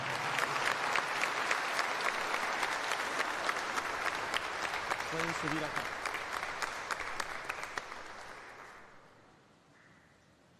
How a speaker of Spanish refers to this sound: Pueden pasar a su lugar los padrinos. Den la vuelta. Vamos a darles un fuerte aplauso, por favor.